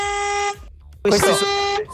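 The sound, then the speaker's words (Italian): Two blasts of an old car horn, a steady harmonic honk for about half a second, a short gap, then a second, harsher and louder honk lasting nearly a second. “Questa è una macchina un po' vecchia.”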